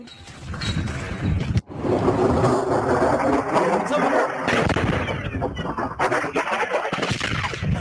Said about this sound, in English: But this is Yemeni reporters who are watching these strikes. And there's going to be audio again in. You're going to hear explosions in this next round.